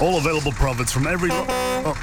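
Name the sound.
truck horn beeping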